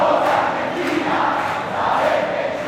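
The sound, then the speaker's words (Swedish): A large stadium crowd of Argentina fans sings together in unison at the World Cup final against Spain, played just outside New York, a dense, steady roar of many voices rising and swelling in rhythmic waves, with no individual speech standing out. “Argentinsk allsång.”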